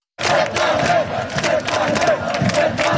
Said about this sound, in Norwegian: Rundt 100 000 mennesker samlet I Oslo sentrum for å feire at Norge vant 2-1 over Brasil, det opplyser politiet til NRK. Mobilsignaler viste først 90 000 mennesker rundt Karl Johan, men tallet steg da folk strømmet til fra Ullevål stadion.